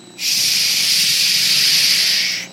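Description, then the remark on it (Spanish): A voice imitates rainwater falling sideways in a windy thunderstorm with one long, loud, steady hissing "shhh" that lasts about two seconds, then stops abruptly. No words are spoken. “Mira, el agua caía así.”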